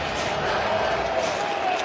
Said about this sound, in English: It is 3rd and 11. Crowd is getting loud.